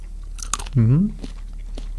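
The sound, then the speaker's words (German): A crisp small bite into a red chili pepper, followed by a brief hummed vocal sound and a few soft chewing crunches, all fairly quiet against a low background hum. “Ich würde mal in so eine rote beißen.”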